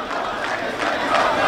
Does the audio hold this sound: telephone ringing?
no